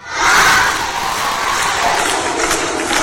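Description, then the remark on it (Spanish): A crowd at Club 90 in Huesca shouts and cheers "campeona del mundo" (world champion) in unison to welcome gymnast Inés Bergua, a chanted cry sustained steadily for a few seconds with bright, broad-band roar and no pauses. “Al grito de campeona del mundo recibí ayer el Club 90 Inés Bergua, a la gimnasta orcense que visitó a su club, al Club 90, homenaje y cariño para Inés Bergua, que ayer estuvo en Huesca.”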